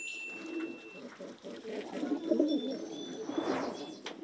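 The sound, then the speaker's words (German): Pigeons coo in soft, low, throaty rolls that overlap continuously, with a few faint high chirps from other birds in the background. “Die Tauben sind immer ganz eng beieinander.”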